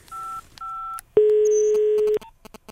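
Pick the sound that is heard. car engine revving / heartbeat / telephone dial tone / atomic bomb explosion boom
telephone dial tone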